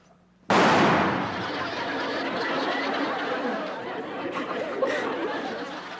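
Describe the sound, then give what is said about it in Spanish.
A single sharp, loud rifle shot bursts out of near silence, then a dense wash of noise and overlapping voices carries on at high volume to the end. “¿ya viste cómo truena de fuerte mi rifle?”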